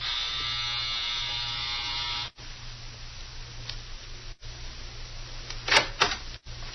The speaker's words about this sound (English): A few minutes later, Eddie walked right up to the front door and rang the bell.